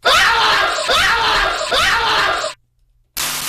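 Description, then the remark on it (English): Three loud, shrill screams in quick succession, each about a second long and sounding alike, followed by a brief silence and the start of another burst. “For me, I would have to give this one 3 out of 5 screams.”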